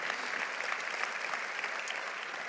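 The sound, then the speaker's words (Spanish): A church audience claps steadily, giving applause to God for a story told in the sermon, a dense wash of many hands applauding at an even level for the whole stretch, with no voices standing out. “¿Puedes darle un aplauso a Dios por esa historia tan linda?”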